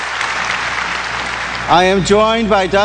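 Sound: crowd applause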